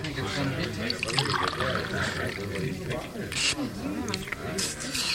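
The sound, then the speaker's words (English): Water pours and splashes steadily for several seconds, a continuous trickling rush with a brief louder gush near the end, while voices murmur underneath. “I'll try it first. I want to make sure the water's all right.”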